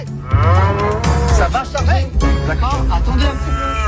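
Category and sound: animal, cow mooing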